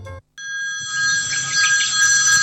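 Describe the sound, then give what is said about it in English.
A telephone rings loudly, one sustained bright electronic trill that starts after a short moment of silence and continues steadily to the end, with no voices. “Hello, this is a phone call.”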